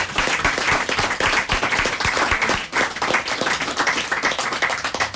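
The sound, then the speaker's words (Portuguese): Steady applause from a crowd, many hands clapping densely and continuously at an even loudness for several seconds, with no voices standing out. “Muito obrigada mais uma vez e um aplauso”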